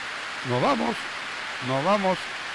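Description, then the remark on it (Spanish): Heavy, torrential rain pours as a steady, even hiss throughout, soaking the people present, while a voice speaks two short phrases over the downpour. “La lluvia es torrencial, fuerte, y nos está mojando.”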